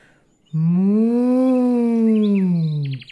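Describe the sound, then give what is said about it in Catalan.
A voice imitates an ox's long, low moo, one sustained droning call lasting over two seconds, loud, rising slightly then falling away. “I es bou va fer...”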